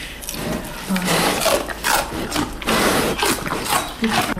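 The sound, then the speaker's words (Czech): Two bears being fed stalks of celery in their enclosure noisily crunch them, a steady run of loud, wet, snapping chews and grinding bites in an irregular rhythm, with no one speaking. “Už pěkně chroupají.”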